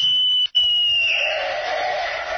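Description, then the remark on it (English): A loud, shrill whistle blast like a police whistle: a steady high tone, a split-second break, then a longer blast that turns raspy and trilling. No voices. A boy blows the whistle while hiding in the bushes at the corner of a schoolyard during recess, aiming it at passing motorists. “I remember I used to hide in the bushes on the corner of the schoolyard during recess and give a blast of my whistle, which sounded like a police whistle to passing motorists.”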